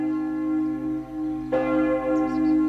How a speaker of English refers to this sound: Just starting with a few nature notes. Some Suffolk bells, lovely springtime weather at the moment.